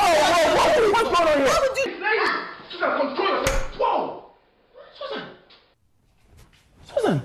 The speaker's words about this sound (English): you slapped me!